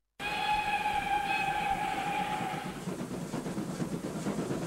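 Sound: train departing with whistle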